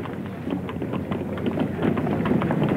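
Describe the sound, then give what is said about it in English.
Several horses' hooves clip-clop in a steady, overlapping rhythm as a man and a constable ride off along a street at a brisk pace, with a faint wash of wind or outdoor noise behind them. “They rode off”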